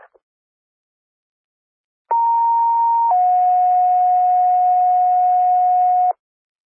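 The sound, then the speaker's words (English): A two-tone fire paging alert for Kansasville Fire, dispatched to a PI accident at Duran and Sunnyside: a steady high tone holds for about a second, then drops straight into a lower tone that sounds loudly for about three seconds before cutting off. “Let me set fire tones off, I'm sorry.”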